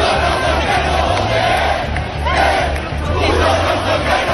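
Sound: protest crowd shouting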